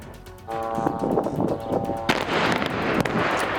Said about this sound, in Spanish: Esta es una de las explosiones que han sacudido el sur del Líbano este sábado. Allí el ejército israelí sigue bombardeando poblaciones como esta, a pesar de la tregua.